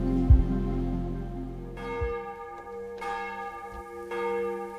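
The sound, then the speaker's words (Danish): Large bells of Vor Frue Kirke, Copenhagen Cathedral, ring out over the rooftops of Copenhagen, Denmark, in overlapping, resonant peals, new strikes landing every second or so while long humming tones linger beneath, with no voices. “Så klinger klokkerne fra Vor Frue Kirke ud over Københavns tage, og nu også ud over det ganske land.”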